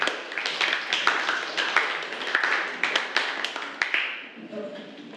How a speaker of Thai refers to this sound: ปรบมือให้กับกลุ่มที่5ด้วยค่ะ